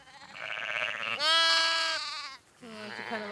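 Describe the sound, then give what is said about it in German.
A newborn lamb bleats loudly for its mother in wavering, high-pitched cries, with a long strained call in the middle followed by a shorter one after a brief pause. “Doch heute entdeckt sie doch noch ein frisch geborenes Lamm, das nach seiner Mutter schreit.”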